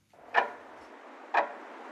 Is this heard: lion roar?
no